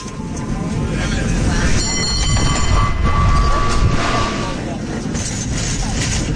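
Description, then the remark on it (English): A cable car rolls along its rails with a steady, loud rumble, high metallic wheel squeals ringing out over the clatter for a few seconds in the middle. “He insisted we go ahead with the cable car ride”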